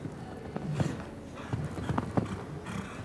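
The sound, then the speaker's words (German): A horse's hooves pound soft ground in a steady galloping rhythm during a show-jumping round, heading to the final jump, a series of dull thuds with faint background noise and no voices. “Nochmal galoppieren, trotzdem das Pferd auf den Beinen behalten zum Schlusssprung, wie im Normalparcours.”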